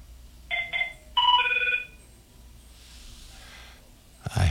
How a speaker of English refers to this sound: I think someone's fooling around with me because they just, you know, the phone rings twice and then shuts off.